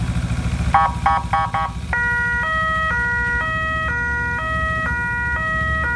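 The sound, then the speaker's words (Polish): The siren of a new motorcycle ambulance, to be used mainly in Łódź, gives a few quick yelping bursts, then settles into a loud two-tone wail alternating high and low in a steady rhythm, over a low engine rumble. No one speaks. “Jak słychać, nowy motocykl bardzo dobrze działa i będzie głównie usługiwany na terenie Łodzi.”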